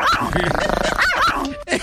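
A dog barks and growls loudly in a rough, continuous run of vocalizations lasting under two seconds, then lets out one short final bark after a brief pause.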